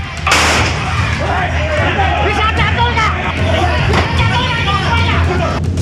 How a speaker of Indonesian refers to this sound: Polisi yang datang langsung mengamankan pelaku dari amukan warga. Petugas bahkan sempat melepaskan tembakan peringatan lantaran ada warga yang tak menginginkan pelaku dimasukkan ke dalam mobil polisi.